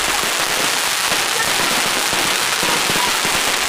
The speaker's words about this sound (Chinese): 队员们打赤膊，穿短裤，头戴竹笠，双手托着插满烟火的彩龙，奔跑如飞。彩龙穿越云雾，盘旋腾跃。